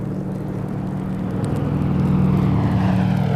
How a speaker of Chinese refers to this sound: 今天还真够热闹，又是飞机又是大炮的， 是飞往东坛铺方向的。